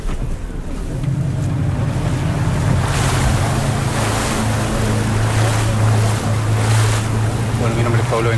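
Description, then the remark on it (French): A boat motors across choppy open sea from an Aquachile centre near Puerto Montt toward a fish-farming site about 1200 metres away. Its steady low engine drone sits under the constant rush and splash of waves against the hull, with gusts of wind buffeting the microphone. “On monte dans le bateau.”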